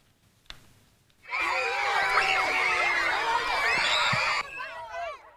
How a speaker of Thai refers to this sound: เด็กๆที่โรงเรียนแห่งหนึ่งในสหราชอาณาจักรพากันส่งเสียงร้องแล้วก็เล่นน้ำกันอย่างสนุกสนานนะคะหลังจากทางโรงเรียนจัดกิจกรรมเล่นน้ำให้กับเด็กๆเพื่อช่วยบรรเทาความร้อนท่ามกลางสภาพอากาศที่ร้อนจัดอย่างมากค่ะ